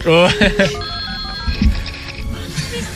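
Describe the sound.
A telephone rings with a bright, repeating electronic tone, sustained over several seconds, while voices murmur and talk in the background.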